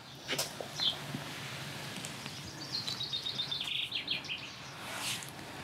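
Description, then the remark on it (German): Swallows at their nest, from which a small swallow has fallen, chirp in high, thin twitters: a brief call early on, then a quick run of rapid chirps midway, over a steady background hiss with no talking. “Eine kleine Schwalbe ist aus dem Nest gefallen.”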